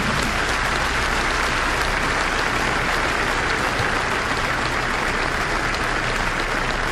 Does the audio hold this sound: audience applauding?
yes